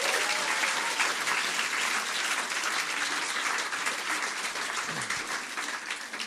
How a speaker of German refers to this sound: Erstmal Applaus für die Poetin, nicht für die Wertung.